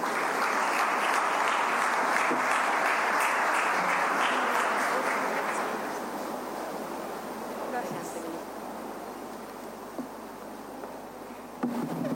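Sustained applause from an audience welcoming engineer Claudia Centurión, Minister of Public Works and Communications, to present a document. A dense wash of many hands clapping stays loud for several seconds, then gradually thins and softens toward the end.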